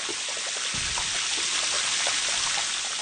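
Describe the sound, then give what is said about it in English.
Dense crackling and fizzing underwater as pressurized air bubbles from glacier ice flowing into the ocean burst out, countless tiny bubbles bursting in a steady hiss with scattered sharper pops and a brief low thump, no voices. “They get to the ocean and they pop out explosively into the water.”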